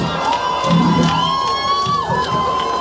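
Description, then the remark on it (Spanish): A loud audience cheers continuously, a dense roar of many voices with high, drawn-out whoops and shouts rising above it for the whole few seconds. “Escucha público!”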